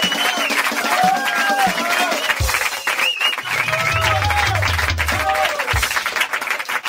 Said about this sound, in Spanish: Fundido, vamos. Fuerte el aplauso, señor.